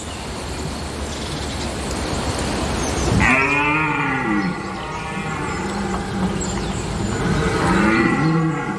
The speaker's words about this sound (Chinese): 其他雄性欧洲马鹿响亮的叫声不断在它周围的森林中回荡